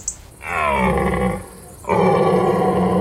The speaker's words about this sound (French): On a un grand cerf avec une belle voix. Voilà, on dirait un fauve, hein, oui, félin. C'est très impressionnant.